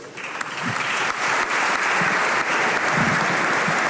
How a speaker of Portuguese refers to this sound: Aplausos na Câmara.